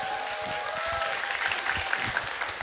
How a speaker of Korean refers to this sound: 박수 한번 부탁드릴게요.